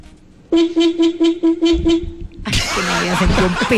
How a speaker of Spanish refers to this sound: Los carros. Uy, pero es un pito de bajo presupuesto. Mi amor, ese pito está bueno, a ver.